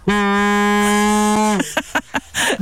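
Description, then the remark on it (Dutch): A single loud, deep horn blast from a horn fitted on a very large thermos cup for hot and cold drinks, like a ship's foghorn, holds steady for about a second and a half, then stops abruptly, followed by a few brief clattering noises. “Het klinkt als een skipstoeter. Het is een hele grote thermosbeker.”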